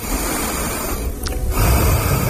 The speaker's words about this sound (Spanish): Quiero oír tu respiración, ¿cómo es la tuya?